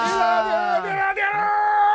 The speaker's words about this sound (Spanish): Vaya, menudo grito que me ha pegado. Realmente a mí me ha dejado descolocado.